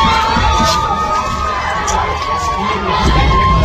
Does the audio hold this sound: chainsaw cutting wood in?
no